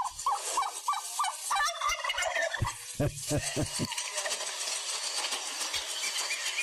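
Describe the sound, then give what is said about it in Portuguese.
Turkeys gobble in rapid, warbling bursts, several birds calling over a constant rustling farmyard background, with a few brief low thumps mid-clip. They are three pairs of young turkeys, about three to four months old, being offered for sale. “Estou vendendo peru também, rapaz.”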